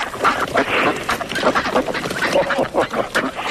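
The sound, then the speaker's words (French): A large flock of about fifty ducks quacks continuously and overlapping near a pond, a dense chorus of calls with no pauses, sounding like many birds gathered together outdoors. “Vous entendez les canards? Oui. Voilà, nous sommes près de la mare. Il y a une cinquantaine de canards.”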